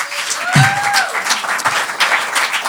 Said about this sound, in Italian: No, però ci sono anche giovani, ci sono anche giovanissimi, quanti anni hai tu? 12, fate un applauso al futuro!